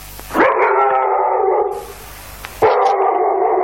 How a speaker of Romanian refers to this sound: Câine, câine, pleacă de aici! Domnul ei! Marș, n-auzi?